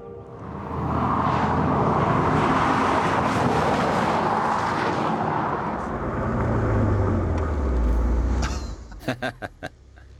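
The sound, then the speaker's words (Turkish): A 17-year-old Mercedes AMG car with new brake pads and discs roars in loudly with a broad rushing engine sound, its low engine note dropping as it brakes and slows, followed by four quick sharp clacks at the end. “Gidip dostumu görmem lazım. Tabii ki Mercedes'te.”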